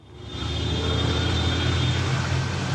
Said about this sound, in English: Mexico City's traffic is notoriously bad, and in the current climate of anti-World Cup protests, some are worried they might not get in.